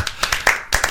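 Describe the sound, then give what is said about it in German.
A brief burst of scattered clapping, played on the Bayernwelle radio morning show to get in the mood for the football World Cup: several sharp hand claps in quick uneven succession, moderately loud, with little sign of voices cheering along. “Und so langsam können wir uns ja schon mal in Stimmung bringen. Jubel!”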